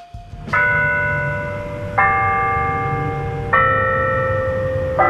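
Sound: bells chiming the hour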